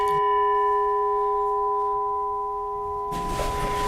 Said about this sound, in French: Alors c'est un gong birman, donc un son typique des gongs birmans qui rappelle les monastères du Birmanie.